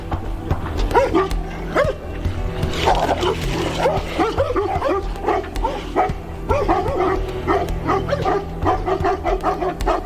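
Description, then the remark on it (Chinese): Three dogs bark and yip in rapid, overlapping bursts, loud and agitated, with some whimpering mixed in over a steady low rumble throughout, as they attack an adult male Tibetan brown bear about 2 metres long in a village. “由于这头西藏棕熊的体型比猛犬要大3-4倍，所以三条犬的轮番攻击丝毫不起作用，他们只能眼睁睁地看着这头熊大快朵颐。”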